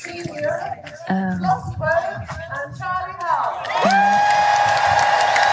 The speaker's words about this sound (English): I think you can guess by the cheers you're hearing who the guy's been introducing. Yeah. Obviously the Europeans.